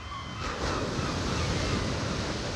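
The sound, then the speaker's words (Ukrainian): Rough sea surf churns continuously while gusty wind roars across it, a dense, steady wash of noise that swells slightly after the first half second and stays loud throughout. “Аж нараз повіяв вітер. Розігралося море, затопило корчик, і з ним разом синичине гніздо.”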